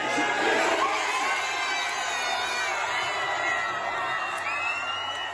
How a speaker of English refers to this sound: We can hear the reaction of a crowd watching one of Sarah's screens at Bromsgrove Sporting FC in Worcestershire, right at the final whistle in Saturday night's game against Norway.